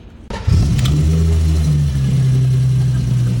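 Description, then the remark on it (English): A car engine cranks and catches with a sudden loud roar, briefly revving before settling into a steady, rumbling idle. “We're talking about the startup of the car, when the car starts.”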